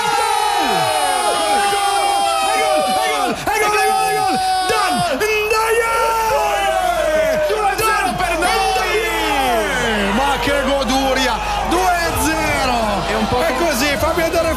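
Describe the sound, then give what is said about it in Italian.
A packed football stadium crowd roars in frenzy, a dense wall of yelling, whooping and cheering that stays loud and sustained throughout, with individual shouts rising and falling over the din. “Senti che delirio.”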